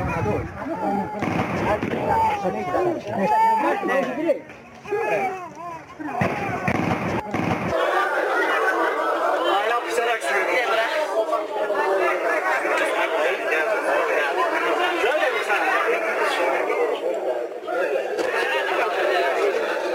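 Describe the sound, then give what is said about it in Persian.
A crowd of protesters shouts and clamors loudly at a protest in Yaftal district, where the Taliban clashed with protesters. Sharp bursts of gunfire crack through the noise in the first several seconds, then the agitated yelling of many voices continues steadily. “صدای مردم معترض و تیراندازی از اعتراض‌های امروز در ولسوالی یفتل را شنیدید.”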